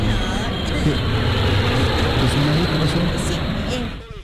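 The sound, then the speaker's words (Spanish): A steady, fairly loud engine roar of several airplanes sent from the United States flying overhead, droning continuously for a few seconds before easing off, with faint muffled voices underneath. “Es un avión, su merced, No, son varios aviones.”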